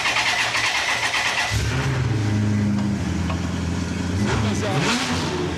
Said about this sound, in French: Ah oui, il y a le moteur, ouais, c'est effectivement. T'as le logo Maserati sur le moteur. Donc ça fait 400 chevaux, t'as la boîte F1 au volant avec les palettes. Tu peux faire tourner, ça fait vraiment un bruit de Maserati. On peut faire tourner.